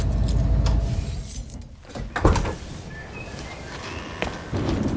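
A low van engine rumble cuts out as the van is pulled over, followed by metallic jingling of keys and a few light clicks and rattles inside the quiet van.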